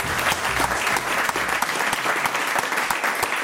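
A crowd claps steadily in applause for a 95-year-old bus driver, a dense wash of hand claps sustained at even loudness throughout with no voices standing out.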